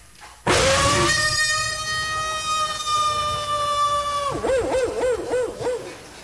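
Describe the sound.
A voice imitates a big Alaskan baying wolf into a microphone on a cold night: one loud, long, steady high howl held for several seconds, then breaking into a quick series of wavering, rising-and-falling yelps.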